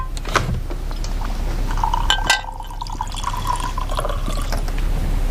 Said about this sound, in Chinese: 让我沏茶，给你倒水。